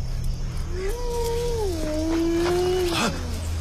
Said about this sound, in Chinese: 有狼！小心，狼过来了！